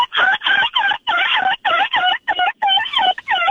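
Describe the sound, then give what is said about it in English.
A person's voice, heard over the phone, imitates a seagull, letting out about ten loud, squawking cries in a quick, steady series, each with a brief gap between them. “Let me just hear your seagull one more time.”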